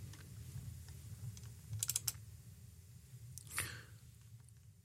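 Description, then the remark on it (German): Sharp computer keyboard and mouse clicks in a quick burst near the middle, with scattered lighter taps and a brief rustle over a low steady hum, as someone clicks through to the next news report; no one speaks. “Und wir klicken uns in die nächste Meldung rein.”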